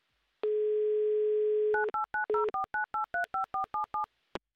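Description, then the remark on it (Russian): A steady telephone dial tone hums for over a second, then about a dozen quick, evenly spaced touch-tone beeps dial a contestant's number in Yekaterinburg for the Humor FM radio game "Car for a Smile", ending with a brief click. No voices. “Так, номер набран. Будем дождаться связи. Пожалуйста, гудок есть, засекаем 30 секунд.”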